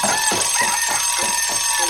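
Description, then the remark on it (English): A morning alarm bell rings loudly and continuously at 6 o'clock on the Kids FM radio station, its bright metallic clatter pulsing in a quick, steady rhythm for a couple of seconds with no voices. “It's the morning bell!”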